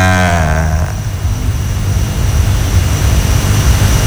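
Loud drone propellers buzz with a whining tone that drops in pitch during the first second, then settles into a steady, rumbling roar with no one speaking.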